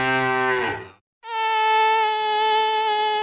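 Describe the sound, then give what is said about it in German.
A short, low lowing tone fades into a brief silence, then a loud, steady, high-pitched mosquito whine buzzes without a break to the end, in a radio advert for Moskito anti-itch plasters. No one speaks. “Jetzt bloß nicht kratzen. Gut, dass es Moskito gibt. Schnell Pflaster auf den Stich kleben und der Juckreiz lässt nach.”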